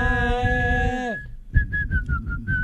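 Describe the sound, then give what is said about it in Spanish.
A single person whistles a football-terrace chant: a long, loud sustained note that drops off, then a run of short rhythmic whistled notes following a chant-like melody. “¿puedo hacer uno de cancha, una canción de cancha, pero con silbido?”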